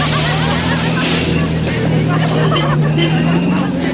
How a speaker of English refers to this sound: Campbell quickly gets into a car. Follows up the slushy mountain road.